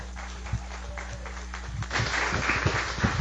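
An audience applauds, a dense crackle of many hands clapping at once that swells noticeably louder partway through and keeps going to the end.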